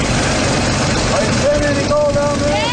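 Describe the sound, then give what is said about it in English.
A gold-mining suction dredge engine on the Salmon River runs steadily, its hose vacuuming sediment into a box on top of the dredge: a loud, dense mechanical roar with a rushing, water-like hiss. Thin whining tones surface midway and hold on over the constant drone. “The hose acts as a vacuum and sucks up sediment into a box on top of the dredge.”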